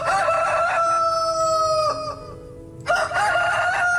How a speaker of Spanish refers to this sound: Eso es darle la bienvenida a un nuevo día. Eso es darle gracias a Dios por el nuevo día. Tal vez lo hace el gallo en su cacarear, ¿no? Se le llama eso. En su canto.